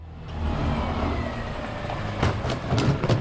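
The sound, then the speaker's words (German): The engine of a large white garbage truck rumbles steadily, low and droning, as it parks in a small side street in the Neuvorweiler district of Saarlouis, Saarland, Germany, to collect green organic waste bins, with a few brief higher clanks and bursts toward the end. No one speaks. “Fahrer Andreas Lepper parkt das große weiße Müllauto in einer kleinen Seitenstraße im Saarlouer Stadtteil Neuvorweiler.”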